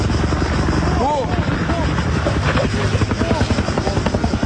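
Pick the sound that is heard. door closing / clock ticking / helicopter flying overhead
helicopter flying overhead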